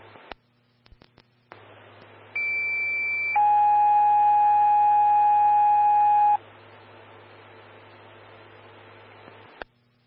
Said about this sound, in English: Station 3, Medic 124, standby for tones on hemorrhage. This will be call 4.